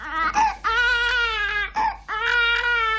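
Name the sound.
baby girl crying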